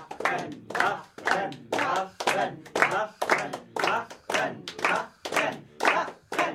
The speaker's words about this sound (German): Angestachelt durch die nicht hörbaren Rufe des Dichters in seinem Wasserglaskäfig, klatscht die Hälfte des Publikums Beifall.